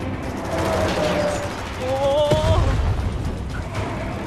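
A loud, booming explosion erupts amid a dense, chaotic wall of battle noise with rapid crackling bursts and thin whistling tones, rumbling heavily.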